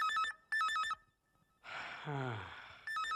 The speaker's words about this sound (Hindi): लो फिर से फोन की घंटी बजी। अरे आती हूँ भाई आती हूँ।